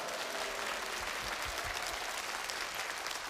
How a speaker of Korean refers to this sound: 이때 보통 박수를 쳐주시는데.